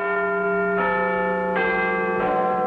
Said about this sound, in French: Le 31 mai 1859, pour la première fois, la fameuse cloche de Big Ben donne l'heure à Londres. Sa sonorité très particulière provient d'une fissure apparue 2 mois après son installation officielle.